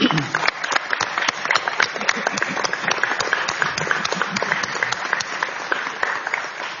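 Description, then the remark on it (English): A committee in Washington clapping steadily for several seconds in a round of applause, a dense, even patter of many hands at a constant loudness with no one speaking over it. “I want to thank all three of these fine staffers, wish them well in their future, and invite the committee to join me in a round of applause.”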